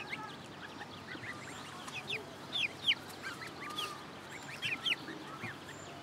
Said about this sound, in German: Meine Gänse sind ja sowieso manchmal so ein bisschen ruppig. Das sind ja auch die besseren Wachhunde.